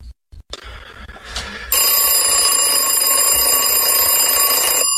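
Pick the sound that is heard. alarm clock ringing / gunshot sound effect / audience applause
alarm clock ringing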